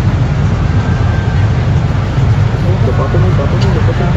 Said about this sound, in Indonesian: Oh iya, macet di situ.